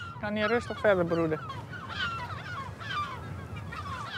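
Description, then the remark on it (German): A mixed breeding colony of gulls and spoonbills calls noisily. The spoonbills nest in the middle, and the gulls form a protective ring around them and are angry at the people visiting. Loud harsh squawks come at the start, then overlapping cries and chatter from many birds continue over a steady background din. “In dieser Brutkolonie leben Vögel, die sich anderswo auch mal fetzen, in friedlicher Koexistenz.”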